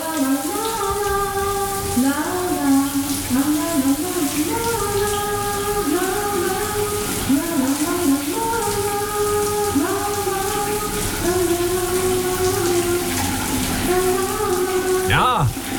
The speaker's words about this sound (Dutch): Goed, de douchegordijn zal open gaan en dan gaat de kraan vanzelf stromen.